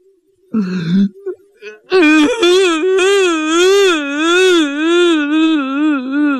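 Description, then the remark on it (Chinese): A man's voice imitates a loud, drawn-out wailing cry likened to a hungry water buffalo bellowing: a few short sobbing sounds followed by a sustained, bellowing tone that wavers up and down in pitch for several seconds. “哎呦，这下他哭了，这一哭啊，就好像那饿的水牛叫一样。”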